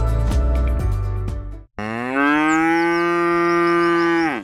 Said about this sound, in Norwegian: Da der var lyden av en ku på utmarksbeite.